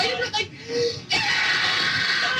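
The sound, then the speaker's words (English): A person screams loudly, a harsh, strained cry that breaks briefly near the start, then surges back and holds steady to the end. “That's me screaming.”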